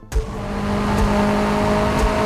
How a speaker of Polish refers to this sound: Under a sunny sky, your car drives down pit lane to get on the track.